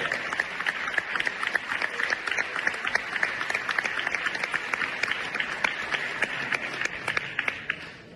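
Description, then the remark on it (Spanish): A crowd claps steadily and energetically for about eight seconds for an under-12 team, a dense stream of overlapping handclaps that stays loud and even before easing slightly at the end. “Un aplauso muy fuerte para ella.”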